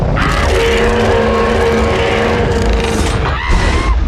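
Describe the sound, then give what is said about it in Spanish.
A car engine roars loudly while tires skid and squeal in long sustained tones, with a brief dip before the screeching picks up again near the end. “Usen este auto.”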